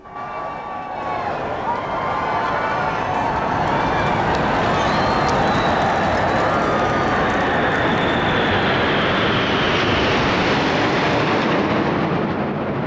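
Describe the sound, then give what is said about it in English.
A loud, sustained roar of 29 low-flying RAF military aircraft, including a Typhoon, an F-35, a C-17 Globemaster and the Red Arrows, sweeps overhead in a flypast over Buckingham Palace and the Mall in central London, building over a couple of seconds and holding steady, with a large crowd's cheering and voices beneath the engine noise. “The royal family then assembled on the balcony of Buckingham Palace for the traditional flypast by RAF aircraft.”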